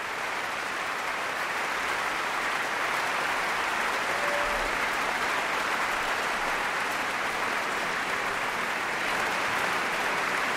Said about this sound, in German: Und da kam gerade der Leiter vom Chor und hat die Chorsolisten aufstellen lassen. Und dieser ganz besondere Applaus, der gilt dem jungen Solisten vom Tölzer Knabenchor